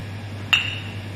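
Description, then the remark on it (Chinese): A single bright clink of glasses touching in a toast during a bartender's staff training at a shop about to open, with a short high ringing tail that fades quickly over a steady low background hum; no voices. “干杯， 干杯， 干杯，干杯。”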